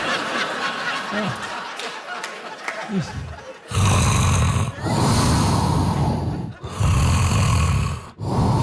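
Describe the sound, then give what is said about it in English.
Loud, rough snoring of a sleeping person recorded at night rumbles in long repeated bursts after a few seconds of quieter breathing and rustling, each snore separated by brief pauses, dominant. “It's rhythmic, it's soothing. Also, suspenseful, right? Because about every 90 minutes or so, I'm just going to stop breathing for a couple of minutes.”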